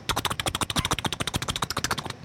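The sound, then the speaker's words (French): A voice imitates a helicopter with a fast, steady train of breathy, pulsing chops, about ten per second, holding an even rhythm and loudness for a couple of seconds. “Un hélicoptère.”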